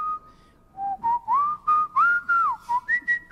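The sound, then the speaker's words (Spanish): Someone whistles a lively opera tune, a clear melody of short, gliding notes rising and falling in quick succession, with no talking. “Todo el mundo cantaba y silbaba los temas de la ópera.”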